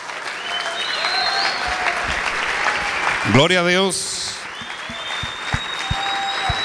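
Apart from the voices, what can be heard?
audience applause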